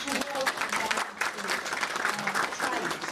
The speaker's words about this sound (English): So I think that deserves applause.